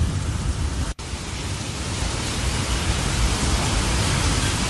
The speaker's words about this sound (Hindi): देखिए मौसम ने जिस तरीके से करवट ली है वो तस्वीर हम अपने दर्शकों को दिखा रहे हैं और दिल्ली के तमाम इलाकों में आंधी तूफान और तेज बारिश भी आ रही है।